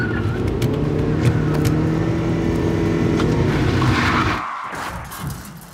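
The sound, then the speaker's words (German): A car with failed brakes races along with a loud, steady engine roar and no braking, then the roar suddenly drops away near the end, leaving a fading rumble. “Was ist los? Die Bremsen!”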